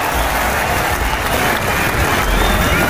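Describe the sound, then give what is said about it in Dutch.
Loud, sustained applause from the audience of a show in Friesland, with cheering mixed in, a dense, steady wash of clapping that holds at full strength throughout without pause. “Flink applaus.”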